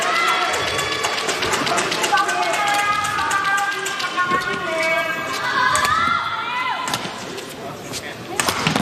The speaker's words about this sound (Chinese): 这个半场球山口茜的进攻直接失误，王芷怡大喊一声